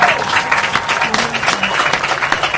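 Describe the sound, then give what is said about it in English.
A crowd claps in a steady round of applause for a speaker, dense overlapping hand claps sustained at an even loudness throughout, with a faint murmur of voices underneath. “Once again, let's give him a round of applause.”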